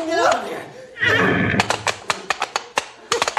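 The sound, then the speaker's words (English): A horse, a colt, whinnies loudly and shrilly, followed by a snorting burst and then a run of sharp, rapid hoof clops on a hard surface as it charges at a man. “Hey, look out for that horse, boss! He's coming for you!”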